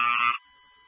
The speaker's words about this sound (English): Open front door. There's an additional alarm going off.